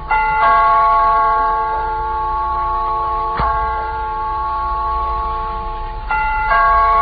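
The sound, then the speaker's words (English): A doorbell rings insistently as a man called Breslin keeps pressing it, its bright sustained tone renewed by fresh presses several times in a row, loud with no voices over it. “The guy keeps on pressing his finger will come poking through the wallpaper.”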